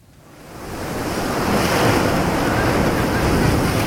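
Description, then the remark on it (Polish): Sea waves rush onto the shore, swelling from a soft hiss into a full, steady roar of surf that holds for several seconds, with a touch of wind and no voices. “Turnus nad morzem.”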